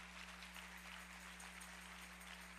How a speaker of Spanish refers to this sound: Un aplauso, por favor, para la pastora Wanda.